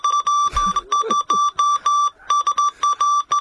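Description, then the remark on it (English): Morse code beeps: a steady, high-pitched tone switching on and off in a rapid string of short and longer pulses, with a brief low rumble and scuffing sound near the start. “Yeah, my pop was a telegraph operator with the New South Wales Railways back in the day, so everything was done by Morse code from opposite. So, Peter, you would know what this is saying.”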